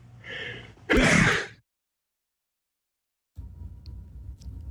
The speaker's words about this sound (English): I'm going to sneeze.